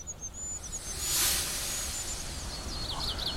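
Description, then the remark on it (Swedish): Thin, very high-pitched peeps of a goldcrest drift faintly through a hissy forest background, with a brief burst of brighter chaffinch song in the middle and quick fluttering notes near the end. “Av och till så drunknar vi i bofinksång här. Och det blir i sig inte det sämsta. Men det gör då att kungsfågelns lilla pipande försvinner lite grann.”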